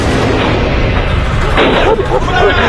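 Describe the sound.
Loud, repeated banging and thudding blows as several people smash the main gate of the Dongsheng timber processing plant at Pishan Farm, 14th Division, in Xinjiang on the southern edge of the Taklamakan Desert, in late autumn, with a dense noisy wash and voices mixed in underneath.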